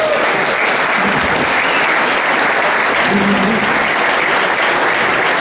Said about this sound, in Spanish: Es importante, podéis aplaudir si queréis.